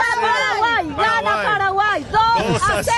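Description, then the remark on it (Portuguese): A crowd of Paraguay football fans chants and shouts together, many voices overlapping in loud, rising and falling pitched calls that carry steadily through the whole moment. “2-0, essa é a aposta deles, essa é a torcida do Paraguai, é, mas do outro lado também tem torcedores dos Estados Unidos.”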